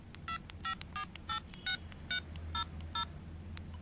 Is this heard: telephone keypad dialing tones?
yes